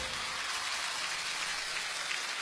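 Dense, steady applause from an audience, a continuous crackle of many hands clapping at once, holding at an even, loud level throughout with no voices heard over it.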